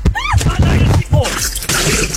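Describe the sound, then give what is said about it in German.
A person jumps from the edge of an outdoor swimming pool with a loud splash, pulling the microphone into the water; the sound turns muffled and churning underwater, full of gurgling bubbles and rushing water. “Es gibt ein kleines Problem, denn Julia hat beim Reinspringen das Mikro ins Wasser gerissen.”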